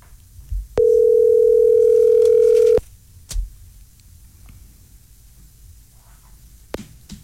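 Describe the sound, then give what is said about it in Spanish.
A steady telephone ringing tone, heard while a number is dialed and the caller waits for an answer, sounds once for about two seconds, a loud, level mid-pitched hum that cuts off abruptly, followed by faint clicks and quiet background. “Ay, que contesten.”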